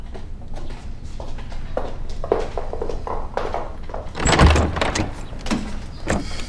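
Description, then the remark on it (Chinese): A series of soft footsteps as a mother crosses the room to open the door for someone, then the door is unlatched and pulled open with a loud clattering rattle, followed by a few quieter shuffling steps. No one speaks. “妈妈去开门了。”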